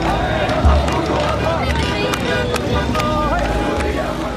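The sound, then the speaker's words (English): A dense, restless crowd surges through a street in downtown Damascus, Syria, with overlapping voices, shouts and shuffling, a steady loud hubbub with occasional sharp cries rising above the churn. “I struggle to stay on my feet as the crowd surges in downtown Damascus.”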